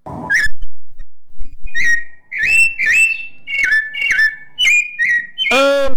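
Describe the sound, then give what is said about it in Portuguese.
A sabiá thrush sings in Novo Hamburgo in the early morning: clear, fluting whistled phrases, fairly loud, repeated about seven times in quick succession with short pauses, ending on a richer, buzzier note. “O sabiá só não cantou aqui para nós hoje, seu Nilo, porque aqui tá chovendo, né?”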